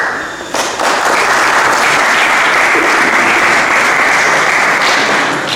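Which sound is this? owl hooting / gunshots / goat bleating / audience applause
audience applause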